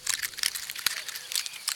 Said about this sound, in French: L'écureuil mord dans une pomme de pin.